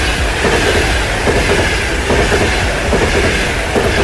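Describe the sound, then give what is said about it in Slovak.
A fast express train from Košice to Bratislava rushes by on the tracks, a steady loud roar of wheels and rails with a dense rhythmic clatter, continuous throughout. “Áno, je to vlak, ale v skutočnosti je to víkend, ktorý je utekol ako voda, alebo prešiel ako tento rýchlik z Košic do Bratislavy.”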